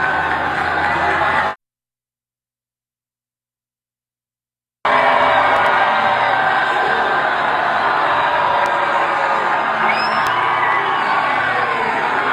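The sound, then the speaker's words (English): A large rally crowd roars and cheers steadily for a president, with whoops and shouts rising from the dense wash of voices. The cheering cuts to silence for a few seconds, then resumes just as loud. “This does not sound like a desperately unpopular president.”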